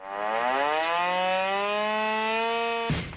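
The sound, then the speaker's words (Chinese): An urgent alarm siren sounds at dawn across the base of a brigade of the Chinese Army's 83rd Group Army, starting an unannounced combat-readiness drill: a loud, steady rising wail, one long continuous tone that holds for about three seconds before cutting off abruptly, with no voices. “天刚蒙蒙亮，一阵急促的警报声骤然划破营区的沉寂。”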